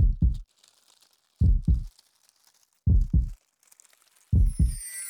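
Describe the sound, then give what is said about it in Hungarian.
Four loud, deep double-thump heartbeats, "lub-dub", evenly spaced about one and a half seconds apart, with a faint hiss and crinkly high noise between them. “Az enyém minden fáért nagyot dobban. Halljátok?”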